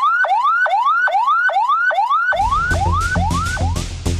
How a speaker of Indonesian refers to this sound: Jenis sirine kedua, ambulans sedang membawa pasien yang tidak darurat. Bunyinya seperti ini.